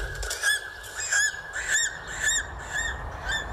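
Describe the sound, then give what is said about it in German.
A series of high, thin calls from an eagle circling over high mountains repeats about every half second, each a short piercing whistle-like cry with a slight downward inflection, clear against a soft background with no voices. “Nur der Adler zieht dort majestätisch seine Kreise.”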